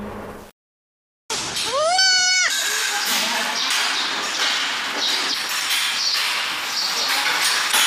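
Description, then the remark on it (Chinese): After a brief silence, a newborn cloned super-high-yield dairy goat kid lets out one clear, quavering bleat at a dairy goat industry research institute test base in Fuping County, Weinan, China. Then a steady, busy wash of background noise carries on to the end. “从渭南富平乃山羊产业研究院试验基地传来好消息，6只超高产体细胞克隆乃山羊顺利诞生。”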